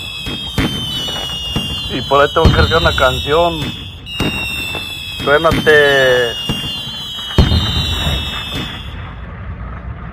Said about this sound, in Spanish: Por ahí, suénate una docena de cohetes, Claro.